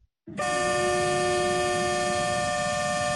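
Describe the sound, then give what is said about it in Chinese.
A train's horn blows one long, loud, steady blast that starts abruptly and holds to the end, over the low rumble of a freight train slowly moving off. The Zhejiang China-Europe freight train Yixinou, loaded with daily goods, auto parts and machinery, leaves Yiwu West railway station, bound for Russia via Manzhouli. No one speaks. “在义乌铁路西站，一列满载日用百货、汽车配件、机械设备等货物的浙江中欧班列一新欧缓缓驶出，经满洲里口岸出境，驶向俄罗斯。”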